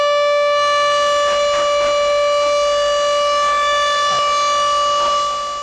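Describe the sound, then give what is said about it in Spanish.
A loud, steady siren blast holds one sustained wailing tone with rich harmonics for several seconds, fading slightly at the end, with faint background rumble and no talking. “Esto es un toque de sirena, ¿verdad?”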